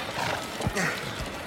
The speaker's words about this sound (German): Im rasanten Galopp bahnten sich die Freunde ihren Weg durch die Straßen Aglaias. Das Schnauben der Pferde vermischte sich mit dem rhythmischen Rotieren der Räder,